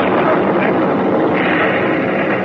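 A loud, dense roar of attacking aircraft engines overhead merges with the heavy rumble of a bomb exploding beside a ship, the blast lifting the ship's stern out of the water. Continuous across the whole moment, with no clear pauses.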